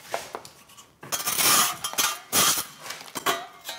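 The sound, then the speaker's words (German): Repeated sharp, dry knocks on clay plaster, tapped in quick irregular clusters to test for hollow spots, with brief pauses between bursts and no voices. “Es gibt Stellen, die klingen hohl. Hier klingt's ein bisschen fester als hier.”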